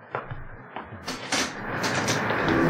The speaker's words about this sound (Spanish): Calimán avanza hacia la puerta de salida del camarote, la abre y sonríe mirando a sus compañeros